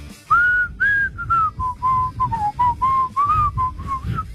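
A person whistles a catchy melody up close, a steady run of clear, bright notes rising and falling in short phrases for several seconds, with no talking over it.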